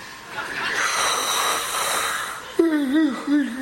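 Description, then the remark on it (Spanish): A person imitates the big, loud yawn of a bored bass drummer: a long breathy, airy stretch that ends in a wavering, drawn-out vocal groan. “Y cuando iba dando la vuelta así ya para la coronación, pues es que se aburre el bombisto y mete un bostezo de eso como de los de antes.”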